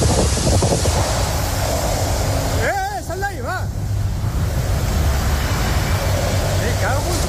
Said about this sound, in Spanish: Prendió por un rayo de las fuertes, fortísimas tormentas que han golpeado la pasada tarde el este peninsular. Reventones térmicos y vientos de hasta 150 kilómetros por hora.